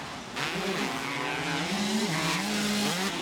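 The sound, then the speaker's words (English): Motocross bike engines rev hard during a race, the bikes running neck and neck, a loud continuous snarl whose pitch climbs and dips as the throttles are worked, with no voices over it. “Oh, they are revving these things out hard. They're running them really hard right now.”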